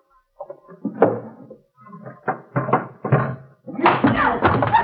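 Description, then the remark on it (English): A man beats a woman: several heavy thumping blows land at irregular intervals, fairly loud, building into a dense, noisy burst of struggle near the end, with muffled vocal sounds mixed in. “Hey, what's that? He's beating her.”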